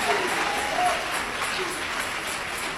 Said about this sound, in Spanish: Dale ese aplauso de alabanza a Jesús de Nazaret.